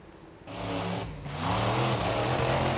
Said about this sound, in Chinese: 网传视频显示，事发时一辆参加表演的怪兽卡车在通过地面障碍时突然失控，轰鸣着向其右侧的观众群奔去。